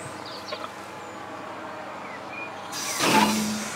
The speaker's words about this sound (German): Jo, das klingt gut. Eine Bremsprobe vor Abfahrt ist Pflicht.